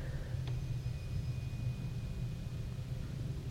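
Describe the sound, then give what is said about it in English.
A steady, deep roar of an airplane taking off overhead on Brown Road in Richmond, around 11 o'clock in the morning on August 1, with the wind from the east; a continuous rumble with a faint high whine running above it and no voices. “So the airplanes are taking off over this area now.”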